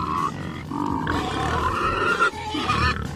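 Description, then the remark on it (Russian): A voice imitates a pig's squeal with a run of loud, shrill, strained squeals and grunting breaks, continuous for a few seconds, with no talking. “Жена бывшая прекрасно издавала свинячий визг, когда кричала.”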